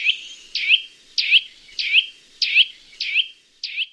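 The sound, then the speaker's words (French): A loud, piercing bird call repeated about seven times in a steady rhythm, each note a sharp rising-falling squeal, clear with no talking. “Son cri puissant est assez caractéristique.”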